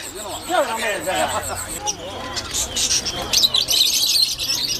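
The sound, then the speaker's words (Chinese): Small birds for sale chirp in quick, bright bursts, clustering toward the end, over the murmur of a busy rural market crowd with people talking, as a child clamors to buy a bird. “这还没走两步，就吵着闹着要买只小鸟带回家。”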